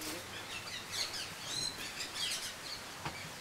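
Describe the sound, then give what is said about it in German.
Kea parrots call repeatedly in a zoo aviary, several overlapping high-pitched chirps and calls, with no one speaking. “Da muss man aufpassen, dass die Vögel nicht abhauen.”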